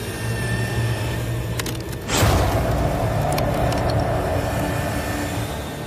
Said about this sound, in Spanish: prueba la herramienta con un hueso de vaca. Es algo similar a lo que los megalodones mordían. Dale.